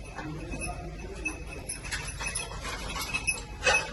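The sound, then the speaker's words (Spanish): Faint, irregular metallic jingling from a rescue dog's tags as it searches rubble for survivors in a garage with crushed cars near Caracas, Venezuela, working with ERICAM firefighters of the Madrid region emergency team, light clinks scattered over a low rumbling background, with a brighter jangle near the end. “Lo que escuchan es el tintineo de uno de los perros buscando supervivientes bajo los escombros en un garaje en el que se ven los coches aplastados.”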